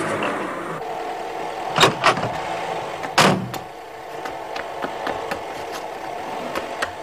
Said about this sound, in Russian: выгоняет из гаража машину.